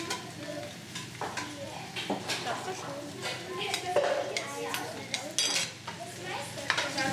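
A spoon scrapes and clinks against the inside of a cooking pot as a little food is scooped out to taste and season the dish. The irregular scoops and taps go on for several seconds over a soft bubbling or sizzling background.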